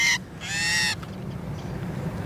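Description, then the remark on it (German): A female common starling gives loud, harsh distress calls, two raspy protesting bursts, the second longer, then fading into quiet rustling and handling noise as a researcher holds it head-down in a small homemade tube holder on a sensitive scale for weighing. “Jetzt ist die Geduld der Starin dahin.”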